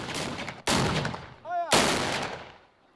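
Two loud, booming cannon shots go off about a second apart, each with a long rumbling decay, and a brief whistling tone sounds between them.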